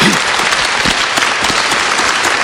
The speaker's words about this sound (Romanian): vă rog să o aplaudați.